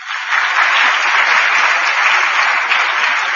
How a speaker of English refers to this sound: Well, I was happy that more than one person clapped now, okay?